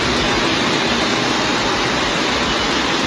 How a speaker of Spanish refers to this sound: Así sonaba la riada de agua que corría desde la calle Jesús de Monasterio hacia la plaza del Ayuntamiento de la capital de Cantabria.